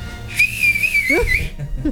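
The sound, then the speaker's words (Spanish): A loud, piercing two-finger whistle holds one shrill high pitch for just over a second, wavering slightly before cutting off abruptly, against faint background noise. “Oye, qué gran chiflido, ¿eh? A ver, aviéntatelo.”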